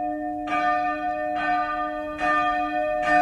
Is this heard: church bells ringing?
yes